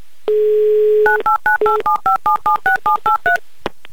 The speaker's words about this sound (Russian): Набран номер телефона